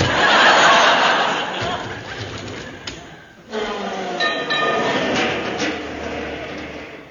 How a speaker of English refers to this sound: it's a 49 tram. Then it's one of ours.